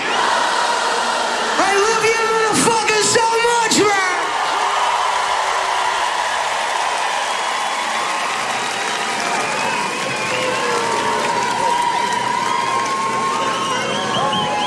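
A huge concert crowd roars and sings along loudly, a dense wash of many voices with a few sharp shouts near the start, sustained throughout.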